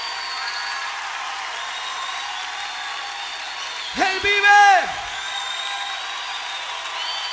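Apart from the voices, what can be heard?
audience applauding and cheering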